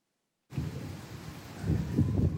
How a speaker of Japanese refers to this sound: 午後2時過ぎ八代市です。今通り雨がざーっと降ってきました。強い雨です。大気が不安定で雷も鳴っています。